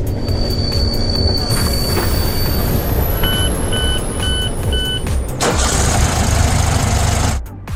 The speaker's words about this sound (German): Ihr hört jetzt wieder eine Zugfahrt und zum Schluss ein Geräusch. Das merkt ihr euch.